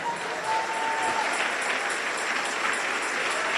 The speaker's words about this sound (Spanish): Dele un aplauso al Rey.